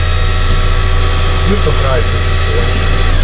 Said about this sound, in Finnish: Kahvinkeittimestä, mikä tää on? Pavut on loppu.